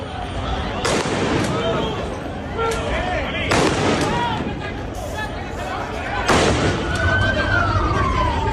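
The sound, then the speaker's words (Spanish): Five or so sharp gunshots crack at irregular intervals, loud and echoing outdoors, over a constant din of a shouting crowd, fired by public order forces to disperse protesters in Ceuta, Spain, near Trampolín beach where migrants are spending the night. “Escuchábamos esos disparos que han tenido que realizar las fuerzas de orden público para tratar de dispersar a algunos manifestantes que de forma paralela este miércoles acudían en masa a la zona donde pernoctan algunos de los migrantes”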